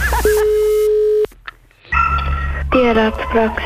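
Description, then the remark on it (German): A telephone ringing tone sounds through a phone line on a call to a veterinary practice, one steady electronic tone lasting about a second, followed by a short pause and then a voice answering on the line. “Das Telefon.”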